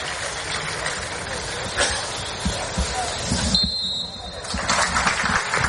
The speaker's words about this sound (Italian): Il fischio di Sozza, lo stadio che si scioglie in un applauso nel ricordo di Sandro Mazzola per una partita, quella tra Venezia e Lazio, importantissima per entrambe le compagini